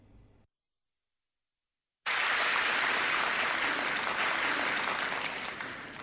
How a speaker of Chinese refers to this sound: 那接下来呢，咱们请出相声泰斗马三立和他的老搭档王凤山，由这老二位给您说一段写对子。咱们掌声有请。